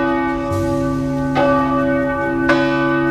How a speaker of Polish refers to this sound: bo dzwony odzywają się tylko dwa razy dziennie, w samopołudnie oraz po 16 i ich zdaniem uciążliwe nie są.